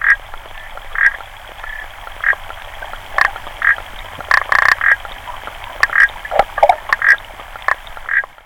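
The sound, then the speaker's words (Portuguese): An African clawed frog calls in short, repeated bursts of rapid clicking trills, steady, over a faint background hiss with no voices. “Esta rã era usada como teste de gravidez.”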